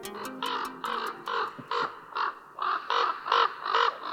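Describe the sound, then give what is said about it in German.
A common raven calls in a rapid series of about ten harsh, rasping croaks, evenly spaced, with no voices present. “Der Keulkrabe, ein unterschätztes Intelligenzwunder.”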